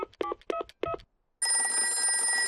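A quick series of phone keypad tones in three short bursts as a kindergarten teacher calls the doctor at Bulgom Hospital, followed by a pause and then a steady, bright electronic phone ring that continues to the end.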